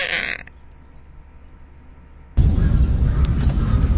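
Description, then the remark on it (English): A person vocally imitates an eastern gray squirrel call, a loud, raspy, sustained sound that starts abruptly after a short burst of noise and a quiet pause. “The eastern gray squirrel kind of sounds like...”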